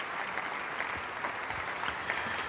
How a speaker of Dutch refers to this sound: En dit bravo geroep en applaus, het ging nog minutenlang door in de Plegelmusbasiliek in Oldenzaal, op het Stift Festival.